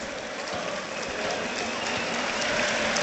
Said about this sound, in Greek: Δέχεται και το χειροκρότημα. Ο Ουναή.